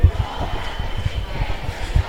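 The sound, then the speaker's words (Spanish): A crowd of many voices outside shouting together "fuera fascistas de nuestros barris" (fascists out of our neighbourhoods) in a continuous, rumbling roar, with rhythmic pulses like chanting rising and falling throughout. “Parece que está habiendo alguna provocación más, están gritando la peña fuera.”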